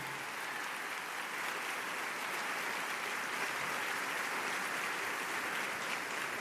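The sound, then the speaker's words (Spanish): Steady, dense applause from an audience in a radio studio, welcoming a young man, fills the whole stretch, a continuous wash of clapping hands at even volume with no talking over it. “Yo quiero que recibamos con un fuerte aplauso a este muchacho apuesto.”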